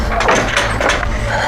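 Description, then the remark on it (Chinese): A wooden door is pulled open, a few quick scraping, clattering bursts over a steady low rumble, with no one speaking. “姨娘，是我，快开门啊，姨娘！”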